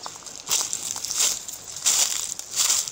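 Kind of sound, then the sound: nature, dry autumn leaves crunching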